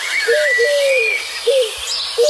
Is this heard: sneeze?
no